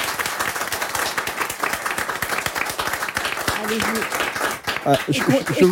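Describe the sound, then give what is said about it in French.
A crowd applauds members of a collective steadily, dense overlapping claps filling the whole stretch at a lively level, with a few voices rising over the clapping toward the end. “Et on peut les applaudir.”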